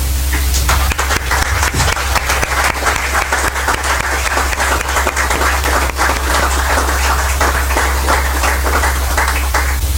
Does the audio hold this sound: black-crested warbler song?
no